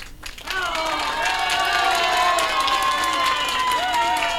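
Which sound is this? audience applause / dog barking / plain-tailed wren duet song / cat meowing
audience applause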